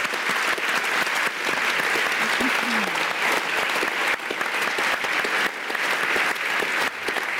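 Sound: audience applause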